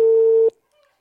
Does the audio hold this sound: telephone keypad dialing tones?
yes